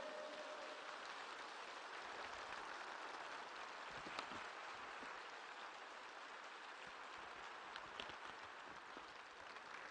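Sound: audience applause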